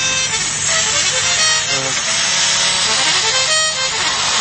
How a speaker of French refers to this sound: Et après, il y a des registres d'accordéon devant, et ça, avec des moteurs d'essuie-glace qui font que les registres montent et redescendent, et du coup, on a ces tournes.